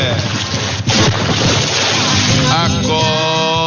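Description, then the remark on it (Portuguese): A loud splash of a bucket of ice-cold water dumped over someone, rushing and spattering for a few seconds before the drenched person lets out a startled, drawn-out yell. “Pega o balde aí. Pega o balde, André. Pega o balde. O água é gelada, hein? Essa aí acorda até defunto, viu? Joga água nele”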